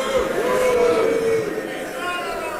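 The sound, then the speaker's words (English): A large crowd at the annual gathering of the Conservative Political Action Conference in Texas boos loudly in one sustained, low-pitched wave of many voices, with a steady murmur of chatter beneath it. “That's the crowd at the annual gathering of the Conservative Political Action Conference in Texas earlier this year.”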